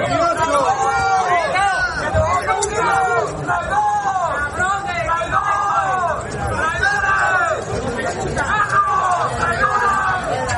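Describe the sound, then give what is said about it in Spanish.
In Ceuta, at the Day of the Autonomous City event on 2 September, a crowd angrily shouts and hurls insults at ministers Elma Sáiz and Ángel Víctor Torres, many raised voices overlapping in a steady, loud clamor of jeers and yells that never lets up. “Este era el recibimiento entre gritos e insultos.”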